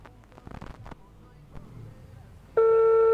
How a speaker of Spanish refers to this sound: Ahí está sonando. Está sonando ahí el teléfono.